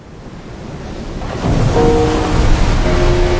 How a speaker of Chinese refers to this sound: 听，港珠澳大桥下的海浪翻涌着600年前的回响，郑和未曾遇见55公里钢铁巨龙横跨伶仃洋，穿梭车流拨动时空琴弦，浪花跃动，音符激昂。